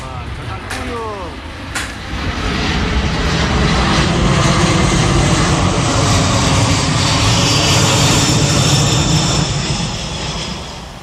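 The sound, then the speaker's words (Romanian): A US Air Force military transport plane's engines roar loudly in Moscow, Russia, a broad, steady rumble that swells after the first couple of seconds, with a high turbine whine rising over it. “Un avion de transport aparținând forțelor aeriene americane a aterizat în Rusia în această după-amiază.”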